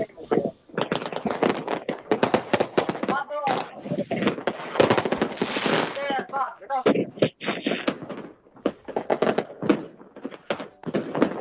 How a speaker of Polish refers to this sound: A fajerwerki mamy w zasadzie z wideo